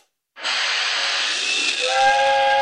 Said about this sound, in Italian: Ma che cazzo è, un treno a vapore? Oh, il treno che esce dalla grotta.